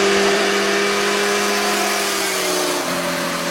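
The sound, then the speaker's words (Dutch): Motorcycles roar steadily at full throttle over speed bumps on a 60 km/h road through a nature area; the droning pitch holds and then slides down near the end, with broad rushing noise throughout and no voices. “Ja, alsof ze gelanceerd worden over de drempels. Een enorm gebrul.”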